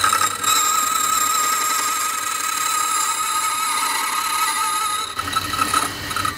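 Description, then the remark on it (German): A key duplicating machine cuts a key blank as a tracer is run over the original key and its movement is copied onto the blank: a loud, steady high-pitched motor whine mixed with harsh metallic grinding, holding for about five seconds before the tone shifts briefly at the end. “Ich gehe mit dem Taster über den Schlüssel und die Bewegung wird genau auf die andere Seite übertragen. Es wird laut.”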